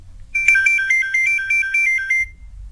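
A phone rings with a rapid, warbling electronic trill, a high two-tone pattern repeating in quick pulses for about two seconds before stopping, over a faint low hum.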